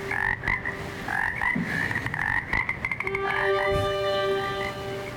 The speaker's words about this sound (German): Das ist wahrscheinlich noch von deiner Dusche. Ne? Sind da ein paar Frösche in der Dusche?